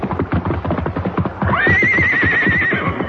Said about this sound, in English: The river tore at them, but finally Silver's hoofs found solid footing, and he clattered to dry ground.